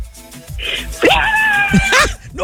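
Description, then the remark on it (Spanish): A woman lets out a loud, shrill scream that holds steady for about a second before breaking off, with a brief breathy vocal sound just before it. “Pegaste el grito en el cielo, vas a despertar a la niña”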